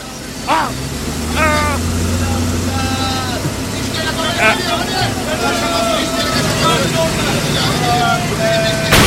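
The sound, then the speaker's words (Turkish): A car engine, just started, runs with a steady, low rumbling drone throughout, while an agitated crowd shouts and yells over it. “Hadi sen çalıştır arabayı, yoksa linç edecekler beni. Tamam. Çalıştı işte.”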